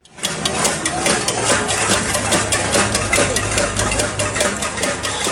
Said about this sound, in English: That's the sound of protesters hitting pots and pans there in the streets.